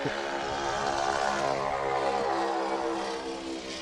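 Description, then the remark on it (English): A Ford Tri-Motor propeller airplane drones steadily, its engines producing a loud, continuous buzzing roar with layered harmonic hum, holding constant before easing slightly at the end. No voices are heard. “Gotta love the noise of the Ford tri-motor.”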